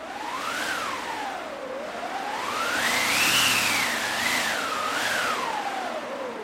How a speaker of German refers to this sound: Dann habe ich noch einen Wind dabei. Da haben wir eine eigene Maschine, die sogenannte Windmaschine.